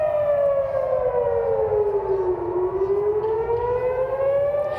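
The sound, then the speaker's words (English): A loud air raid siren in Jerusalem wails steadily, warning of incoming Iranian missiles, its pitch sliding slowly down and then back up, with a broad rumble of noise underneath and no voices. “Sirens blare in Jerusalem, warning of incoming Iranian missiles.”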